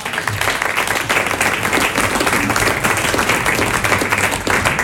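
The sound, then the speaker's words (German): A sold-out audience at a live election debate event breaks into sustained applause, a dense, steady wash of many hands clapping at once, loud and continuous for several seconds with no voices on top. “Ich glaube, das ist ein kleiner Applaus für euch als Publikum wert.”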